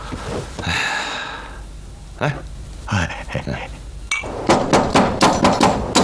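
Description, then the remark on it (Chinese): Someone knocks on a door in the middle of the night, first with a couple of isolated thumps, then a rapid, insistent run of loud raps. A brief tonal, voice-like sound comes before the knocking. “半夜三更敲什么门？”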